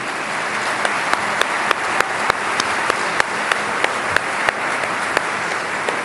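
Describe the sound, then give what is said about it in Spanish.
An audience at the inauguration of a building claps steadily for several seconds, a dense wash of many hands with sharper individual claps popping out now and then, fairly loud and with no talking over it. “Vamos a darle otro aplauso, ¿no?”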